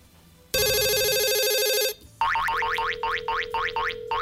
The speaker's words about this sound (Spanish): tímbrale otra vez. Ok, vamos a intentarlo ya, la última llamando, contesta tu teléfono, papito. La última vez.